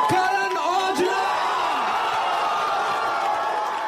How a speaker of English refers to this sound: The moment Aujla walked onto the stage, the studio erupted in what many fans are calling the loudest cheer of the season. The thunderous welcome set the tone for an episode that only kept getting bigger.